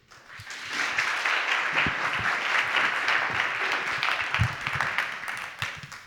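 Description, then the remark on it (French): An audience at a debate on real estate speculation applauds steadily for about six seconds as a speaker is called up, a dense wash of many hands clapping at once that swells quickly after a soft start and holds at an even level. “Je vais maintenant appeler également sous vos applaudissements Madame la procureure”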